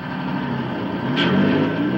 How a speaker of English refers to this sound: What's that? That's a tractor. Bus. A bus or a car or a tractor. I'm not sure exactly what it is. I think it's a big but it's something that's moving, like a big traffic jam. Oh, I don't know. It's a car or something like that moving.